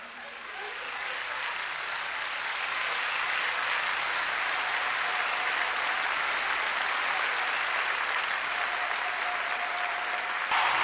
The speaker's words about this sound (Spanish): ¡Otro aplauso